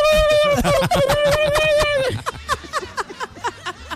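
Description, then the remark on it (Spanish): A person vocally imitates a turkey crying, in a Christmas joke, with a sustained warbling, wavering call, then breaks into a series of short rhythmic gobble-like bursts and chuckles, fairly loud. “Como lloran los pavos, ¿no? Sí, como lloran, sí, así lloran.”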